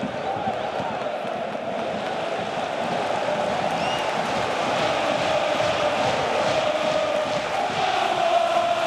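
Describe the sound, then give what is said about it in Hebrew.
A large football stadium crowd at an Aston Villa match roars and cheers continuously, a dense wash of voices that swells slightly louder toward the end, with faint rhythmic pulses like chanting running through it. “איזה עידוד, תראה, תשמע את הקהל.”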